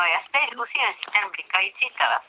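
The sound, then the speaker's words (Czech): A voice comes through a narrow, tinny telephone line, steady continuous talking as a phone call, picked up from a blinking phone, goes out on air, moderately loud with no other sounds around it. “No a já si tady zkusím vzít ten blikající telefon, takže zdravím, dobrý večer, Ostra, kdo pak je u telefonu?”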